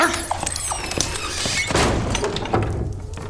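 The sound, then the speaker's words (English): A dog gives a few short, gruff barks and whimpers, mixed with dull thumps and shuffling noise. “Let's go, dog. Stop lying about.”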